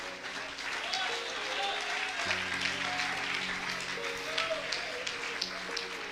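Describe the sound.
A church audience applauds for Christ during a sermon, a dense, steady wash of many hands clapping throughout, with voices rising beneath it and a low, sustained tone humming underneath.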